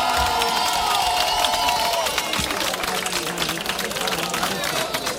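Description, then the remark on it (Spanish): An audience breaks into sustained applause and cheering, a dense steady wash of clapping with whoops and shouts on top, loud throughout and holding at an even level. “Un aplauso para esta mujer, vamos.”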